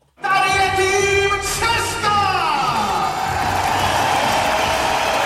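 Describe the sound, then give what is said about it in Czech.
A packed arena crowd at a Davis Cup tie in the Libeň hall roars and cheers continuously as the Czech team takes the court against the United States, with shouts and whoops rising over a dense wall of applause and voices, loud and sustained throughout. “Slyšíte tu kulisu? Po 13 letech nastupuje český tým k Davis Cupovému utkání v libeňské hale.”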